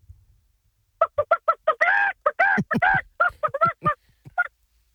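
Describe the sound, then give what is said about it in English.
A man's voice does a chicken call at the Nova State Fair, letting out a rapid run of short clucks that builds into a loud, drawn-out squawk, then more choppy clucking bursts, prominent, with no one else speaking. “Have you ever called a chicken before?”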